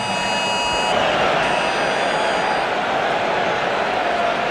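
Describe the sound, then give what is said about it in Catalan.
A steady, shrill buzzing civil protection emergency alert tone, a severe weather warning for Barcelonès and Maresme, sounding from many mobile phones at once across a whole stadium, strongest for the first second and then fading over a loud, continuous crowd murmur. “Tot l'estadi està rebent la mateixa alerta.”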